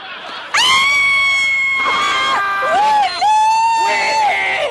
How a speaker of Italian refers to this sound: Ma che sta succedendo? Niente, niente. Stavamo solo urlando.